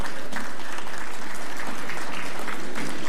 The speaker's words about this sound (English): A round of applause, please.